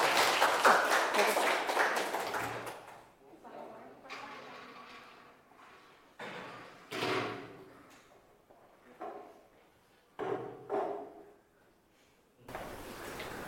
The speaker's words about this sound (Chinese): 好，来请我们这个厨师小组来带来他们的展示，大掌声送给他们。